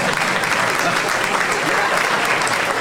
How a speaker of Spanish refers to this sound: Miren todos los simios que aplauden ahora.